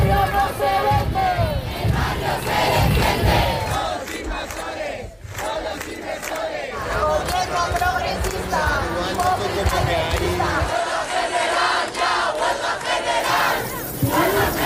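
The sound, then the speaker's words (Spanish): A huge protest crowd in Madrid, Spain, put at 500,000 demonstrators, shakes keys, a dense, continuous metallic jangle mixed with loud shouting and chanting voices that stays steady and full throughout. “Así sonaban las llaves de los 500.000 manifestantes de Madrid”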